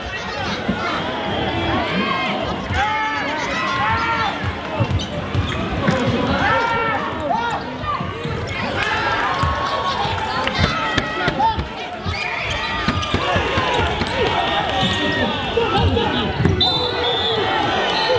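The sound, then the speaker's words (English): The final minute of a basketball game between Ashburton and Christchurch, with Ashburton behind by 13 points: a ball bounces repeatedly and sneakers squeak over a constant roar of chatter and shouting from a crowd squeezed around the court lines, with no pauses in the dense noise. “It's the final minute of that David Goliath basketball game.”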